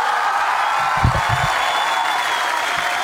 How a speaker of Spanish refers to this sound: Ponle más aplausos al Turco, dale más aplausos.